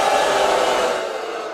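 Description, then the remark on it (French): The audience at the final broadcast of The Late Show from the Ed Sullivan Theater in New York boos in a loud, sustained, dense roar of many voices that holds steady and eases off slightly toward the end. “Des huées qui témoignent d'un public déçu lors de la dernière émission au théâtre Ed Sullivan de New York.”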